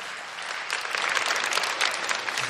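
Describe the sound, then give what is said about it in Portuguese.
An audience bursts into steady applause for a scripture reading, many hands clapping in a dense, continuous patter that swells slightly and holds for a couple of seconds with no voices over it. “Aplauda essa palavra de nosso Senhor.”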